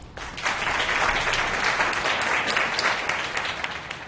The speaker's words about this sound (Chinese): 没有她就没有今天的严氏企业，请大家以掌声向她致上最高的敬意。